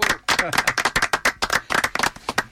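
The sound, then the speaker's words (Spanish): A burst of applause for the group Ingeniería Carranquera of the Universidad Nacional de Colombia: many hands clapping in a brisk, uneven patter at fairly loud level, with some voices cheering faintly underneath throughout. “Hoy, un fuerte aplauso para el grupo Ingeniería Carranquera de la Universidad Nacional.”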